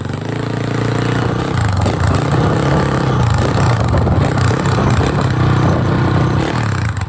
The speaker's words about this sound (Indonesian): tengah naik motor.